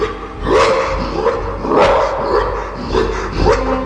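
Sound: large dog barking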